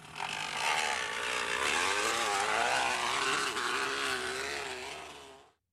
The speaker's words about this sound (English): Little kid down the block on the motorbike, perhaps. You know what? I'll give you a ding on that, because that's what it sounds like, a motorbike. It's actually a kid who's put a crunched up can or water bottle in the back tire.